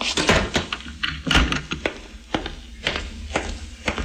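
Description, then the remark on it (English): A door thuds shut, followed by a quick series of sharp clicks and knocks, like a lock and bolt being worked, with no talking. “Quickly, lock the door and come back here.”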